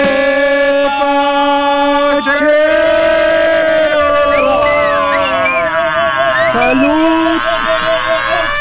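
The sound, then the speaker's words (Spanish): A loud, sustained siren wails steadily throughout, its tone holding and gliding slightly, with a murmur of crowd voices and street bustle underneath. “De veras, esa sirena me causa harto escozor.”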